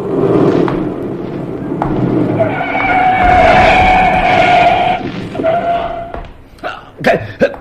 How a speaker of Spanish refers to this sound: El auto se detiene a escasos centímetros de Calimán y un revólver apunta directo a su pecho.